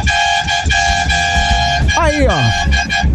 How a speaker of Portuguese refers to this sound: Ó, não é só, ó, é caminhoneiro, é taxista, é todo tipo de gente buzinando.